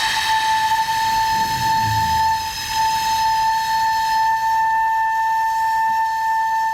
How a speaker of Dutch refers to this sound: eenmalig toestemming gekregen om een keer op die fluit te blazen.